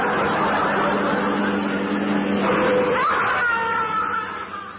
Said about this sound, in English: Well, that's him gone. Marvelous what a quick touch of the brakes can do.